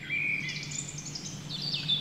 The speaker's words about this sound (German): Wir hören Vogelzwitschern.